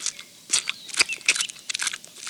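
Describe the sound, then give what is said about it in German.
Crisp, wet crunching of apple pieces being eaten by Willi the bee, in a quick, irregular series of bursts, fairly loud with hissy bright edges, and no voices over it. “Also Willi, seit wann isst denn eine Biene Apfelstücke?”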